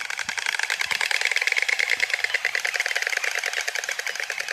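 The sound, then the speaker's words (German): A white stork clattering its bill: a rapid, steady wooden rattle of dense clicks, loud and continuous for several seconds, with no voices over it. “Es geht über dieses Schnabelklappern, ja? Vielleicht haben Sie das ja schon mal gehört.”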